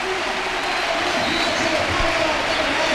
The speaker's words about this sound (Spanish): Aitán Abaida. Y fíjate la ovación, ¿eh?